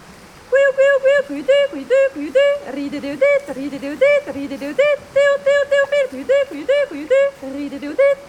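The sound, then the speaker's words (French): A human voice imitates a song thrush's song: quick runs of short, repeated, pitched syllables in rhythmic phrases, clear and fairly loud, with no other sounds alongside. “Et un dernier que je connais, c'est le chant de la grive, et qui fait”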